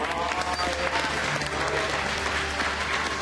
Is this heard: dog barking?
no